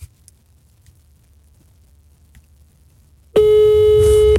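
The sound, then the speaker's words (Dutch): After about three seconds of near silence, a loud, steady telephone ringback tone of a phone call to a colleague sounds once and holds for roughly a second, clear, with no voices. “Dan moet het geluid uit, want ik bel hem dan nu met mijn telefoon.”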